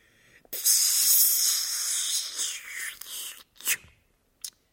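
A quick scrape of a match struck against the sole of a shoe gives way to a loud, sustained rushing hiss as it flares up, lasting about three seconds before fading, followed by two short sputtering bursts of hiss.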